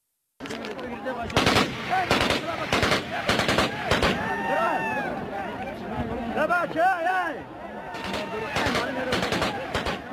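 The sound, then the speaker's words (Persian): Repeated bursts of gunfire crack out in clusters, loud, interspersed with shouting and excited voices throughout, with a brief pause midway before another volley of shots, recorded on video during a clash between Taliban members over a gold mine's revenue in Yamgan district, Badakhshan, Afghanistan. “در این درگیری دست کم یک نفر زخمی شده و ویدیوی رسیده از محل صدای تیراندازی پیاپی را ثبت کرده است.”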